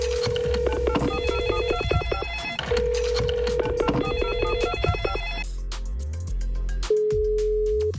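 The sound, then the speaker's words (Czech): A telephone rings repeatedly in steady electronic bursts during a Hit Radio City Brno contest call, a bright warbling tone pattern over a low bass-heavy music bed, with no one speaking. “Už nám to zvoní.”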